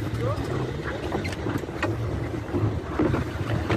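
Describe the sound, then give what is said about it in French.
A boat's steady low engine rumble and rushing water as it sets out to sea with other boats to try to break the blockade of Gaza, with wind buffeting the microphone and indistinct voices faintly in the background throughout. “Nous sommes sur le départ. On prend le large.”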